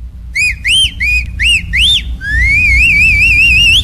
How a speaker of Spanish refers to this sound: A ver si me sale el chiflido.